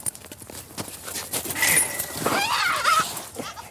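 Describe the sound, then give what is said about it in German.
Young goats bleat loudly in a couple of wavering, quavering cries while being given an injection, over scattered knocks and scuffling steps on a hard floor. “Die Kleinen, die schreien immer so fürchterlich, ne?”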